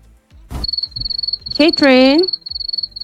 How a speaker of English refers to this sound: the crickets have already started sounding.